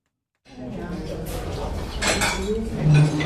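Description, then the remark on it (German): Cutlery and dishes clink and clatter in a small restaurant with a kitchen and a few tables and chairs, with irregular sharp metallic taps and brief ringing tones over a steady murmur of indistinct voices. “Eine Küche, ein paar Tische und Stühle, ein kleines Lokal.”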